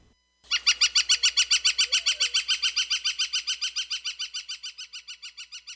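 A northern flicker, a woodpecker, gives its long, rapid call: a steady run of some thirty loud, ringing notes, evenly spaced, fading slightly toward the end with no other sounds around it.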